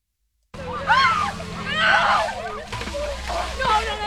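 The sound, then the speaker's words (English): Players on the Wilmington High field hockey team dump orange buckets of freezing ice water over their heads during an Ice Bucket Challenge in Wilmington, a sloshing, splattering rush mixed with excited shrieks and crowd voices. “Down the line, players on the Wilmington High field hockey team dump orange buckets of freezing ice water over their heads as they take part in the 10th annual Ice Bucket Challenge hosted by the Wilmington Rotary Club.”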